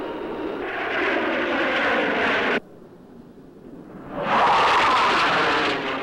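Loud, droning engines of Russian planes roar overhead, cut off abruptly for a moment of quiet, then surge back even louder and hold steady. No one speaks.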